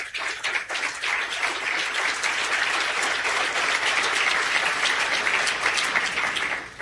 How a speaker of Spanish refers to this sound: Bienvenido, Coloso. 16.000 desregulaciones. Aplauso para el Coloso.